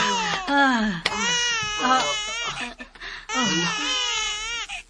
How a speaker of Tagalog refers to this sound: Hilak sa bata.